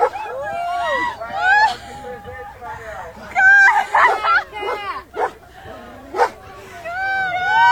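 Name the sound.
dog barking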